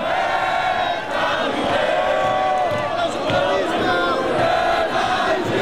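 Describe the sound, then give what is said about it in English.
A large crowd in Paris sings the Marseillaise, the French national anthem, loudly around midnight as the France–Morocco World Cup game wraps up, many voices blending into a sustained, chanting melody with a steady dense roar and occasional shouts poking through. “As the game wraps up around midnight, the crowd sings the Marseillaise.”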